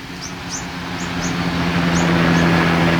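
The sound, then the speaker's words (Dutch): A helicopter flies past over the ocean, keeping watch on the water; its steady low drone and rushing noise swell gradually louder as it passes, while a few short, high chirps flick over the top. “Er vliegen bijvoorbeeld vaker helikopters langs om de oceaan in de gaten te houden. Hier komt er één.”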